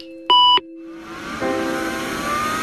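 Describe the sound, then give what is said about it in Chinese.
A computer that is never switched off gives one loud, short electronic beep, then a steady whirring hum swells up and continues, like a machine's fan running. “从不关机的电脑”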